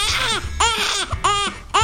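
A baby, in a recording made years ago, cries in repeated short, high-pitched wails, about four bursts with brief gasping pauses between them, loud and strained throughout.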